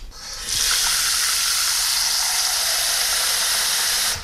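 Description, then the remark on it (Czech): Water gushes steadily into a cooking pot, a little water for cooking mushrooms, starting after a brief pause and running loud as a continuous hissing stream until the end, with no one speaking. “Čili já dám teďko do hrnce trochu vody.”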